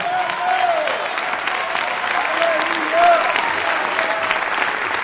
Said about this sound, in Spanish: Si usted es parte de esa promesa, dele un fuerte aplauso al Señor ahora.